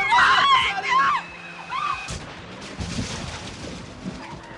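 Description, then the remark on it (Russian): A car driving too fast brakes: a loud, shrill screech of brakes and skidding tires wails for about a second, followed by a sudden sharp bang and a low, rumbling clatter that fades out. “Тормоза.”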